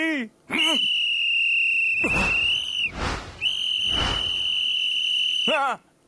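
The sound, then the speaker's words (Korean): A loud, shrill whistle blown in two long sustained blasts as a test of the whistle, each blast starting and ending with a wavering trill, with breathy noise between the blasts. “아유, 호루라기가 잘 부러지나 테스트 한번 해봤어요.”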